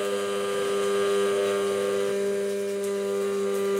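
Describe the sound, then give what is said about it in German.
An immersion blender, held straight, runs steadily throughout while making aioli, giving a loud, constant motor whine with a strong buzzing hum and no pauses or voices. “Einfach nur gerade halten mit Pürierstab.”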